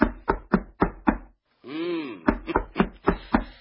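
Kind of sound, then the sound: household object, knocking on a door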